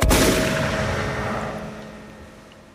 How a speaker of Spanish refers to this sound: Y ante mi respuesta más que obvia, sin hesitar un segundo, Astor sacó la carabina, la cargó y empezó a disparar tiros al aire gritando con toda su voz, ¡Bardarito! ¡Bardarito!